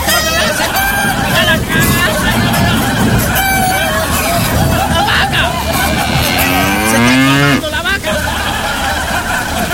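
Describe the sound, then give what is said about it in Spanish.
A cow lets out a long, low moo with a rising and falling pitch, loud, over a dense, noisy hubbub of overlapping voices shouting to put the cow inside a car during heavy rain. “¡Mete la vaca dentro del auto!”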